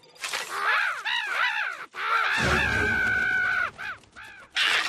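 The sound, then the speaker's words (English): A series of loud, harsh crow caws rings out in quick bursts as a scarecrow is tested, several birds calling over one another, with a rougher sustained squawk and rumbling noise in the middle. “Still scares the crows away.”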